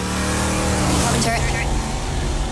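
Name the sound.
car driving by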